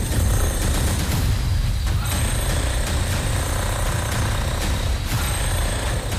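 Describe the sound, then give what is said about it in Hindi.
A drilling machine starts a police excavation, pounding loudly and continuously into the ground, its rapid hammering and heavy low rumble steady throughout, with a few sharper bursts and no voices. “लिहाजा शुरुआत drilling machine से होती है और खबर की सच्चाई को गहराई से बाहर निकालने के लिए खुदाई शुरू हो जाती है।”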